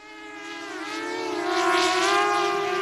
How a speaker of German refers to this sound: Über ihnen eine Drohne des Münchner Start-ups Titan Technologies.